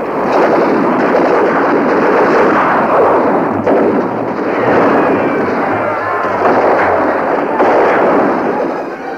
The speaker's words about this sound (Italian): L'allarme scatta a mezzanotte e per 50 eterni minuti i bombardieri inglesi trasformano Peenemünde in un inferno.